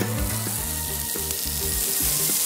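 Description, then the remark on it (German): Pork chops are thrown onto a grill and sizzle in a steady, loud crackling hiss that lasts throughout, with shifting low tones humming underneath and no one talking, at a live summer tour event in Kautz. “Oh, da werden die Koteletts auf den Griller raufgeschmissen.”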